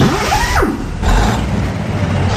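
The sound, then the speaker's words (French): A 38-tonne heavy truck's diesel engine starts up in Canada: a brief whining crank sweeps down, then the engine catches into a loud, rumbling roar that holds steady. No one speaks. “Écoutez bien comment démarre un camion de 38 tonnes au Canada.”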